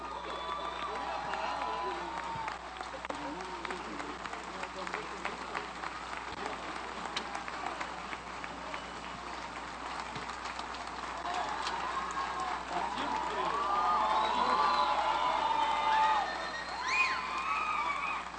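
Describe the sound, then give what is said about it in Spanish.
A crowd claps and cheers after a concert by the Orquesta Sinfónica de Alientos de la Guardia Nacional, in a dense, steady wash of applause, with occasional whoops rising above it, and the noise swells louder toward the end. “Fuerte los aplausos para la Orquesta Sinfónica de Alientos de la Guardia Nacional.”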